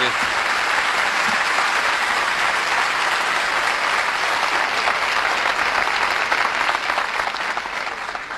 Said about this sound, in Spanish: Lo recibimos así con un buen aplauso.